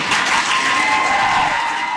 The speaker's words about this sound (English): You can hear from the cheering there that people at the meeting were very excited to hear that.